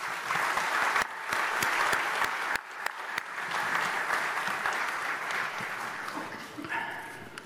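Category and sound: crowd, audience applause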